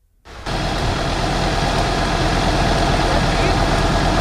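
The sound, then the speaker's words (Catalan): Fire engines work to put out a fire at a paraffin and wax factory in Òrrius, Maresme, a loud, steady engine rumble with a broad roaring hiss that starts abruptly and holds constant throughout. “Aquest és l'ambient de les tasques d'apagada del foc en un vídeo compartit pels propis bombers.”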